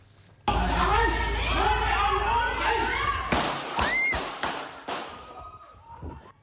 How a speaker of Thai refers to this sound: เนี่ยแหละครับเสียงปืนดังสนั่นหวั่นไหวเลยนะครับบริเวณโรงเรือนในสวนทุเรียนแห่งหนึ่งที่บ้านเนินดินแดงตำบลทุ่งเบญจา